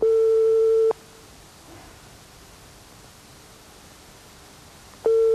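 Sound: telephone line ringing tone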